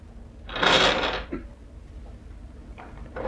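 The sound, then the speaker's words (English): A wooden drawer slides open with a scraping rumble lasting about a second, followed by a brief rustle or shuffle as it settles and things inside are moved while someone gets a photograph out of it. “Yeah, I got one in this drawer.”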